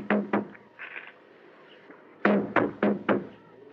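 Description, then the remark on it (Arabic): Knocking on a monastery door: two firm raps, a pause with faint background movement, then four louder knocks in a quick, even rhythm, with no one speaking. “على باب الدير.”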